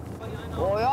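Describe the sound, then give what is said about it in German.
A boat motor rumbles steadily over gusty wind noise in humid weather, then its pitch climbs as the engine revs up and the single boat, carrying six seal pups, pulls away, fairly loud. “Dann kann es endlich losgehen. Mit nur einem Boot, aber doch 6 Heulern.”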